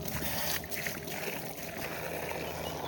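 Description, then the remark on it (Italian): Water pours steadily from the outdoor Orso fountain, a continuous splashing rush with no pauses and no voices for the full few seconds. “Ed eccoci alla fontana di Orso, finalmente.”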